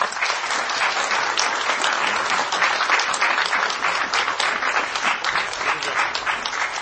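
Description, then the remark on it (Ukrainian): Sustained audience applause for the catechists, a dense, steady patter of many hands clapping at an even loudness for several seconds, with no voices standing out. “Оплески катехетам!”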